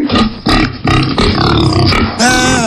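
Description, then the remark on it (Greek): A person imitates a pig with a run of loud, rough, throaty grunts in quick bursts, ending in a drawn-out, higher snorting squeal. “Κάνει και το γουρούνι.”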